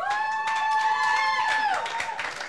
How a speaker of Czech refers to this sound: Potlesk pro ně, prosím.